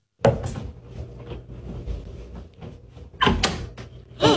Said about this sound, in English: Oh, no. The closet door next to the mirror just opened.